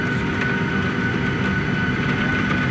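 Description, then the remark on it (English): Pea-sized hail ticks in scattered sharp hits against an airplane held on the tarmac 50 meters from the gate during a ground stop, in sheets of rain, the impacts faint beneath a steady, loud roar of cabin and engine noise with a thin whine on top. “Sheets of rain, and you can hear the hail now. Pea-sized hail.”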